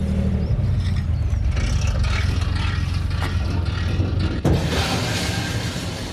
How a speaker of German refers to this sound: Ein kurzes Scheppern am Anleger sagt es an. Die Gruppe Fahrradfahrer kann an Bord der Gensied gehen.